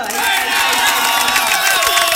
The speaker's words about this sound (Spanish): Con aplausos, ¿sabes? Ese audio, con aplausos.